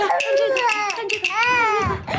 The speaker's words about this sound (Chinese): 你不是喂过了吗？喂过怎么还哭啊？ 我也不知道啊。太太，这事儿还得找他娘呢。哎呀，我可怜的孙子，姥姥抱还不行吗？宝贝儿啊，别哭了，别哭了啊！不哭了，宝宝，不哭了啊！